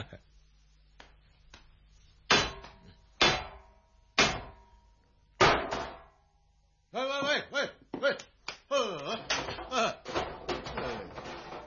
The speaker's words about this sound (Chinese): 呢度有嚿石头，同佢执起佢嚟敲门先。